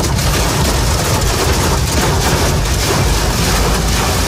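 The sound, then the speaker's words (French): Hailstones from a morning storm hammer a motorist's car windshield on the Lyon ring road (périphérique), France, in a dense, continuous clatter of rapid hard impacts, loud and steady throughout, with a deep rumbling roar underneath and no voices. “Les images et le brouhaha des grêlons sur le pare-brise de cet automobiliste ce matin sur le périphérique lyonnais.”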